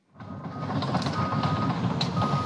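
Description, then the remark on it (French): An excavator helping firefighters isolate a fire in Blagon, Gironde, sounds its reversing alarm as a steady high-pitched tone over a loud, continuous diesel engine rumble and mechanical clatter, with no voices. “regardez, cette pelleteuse”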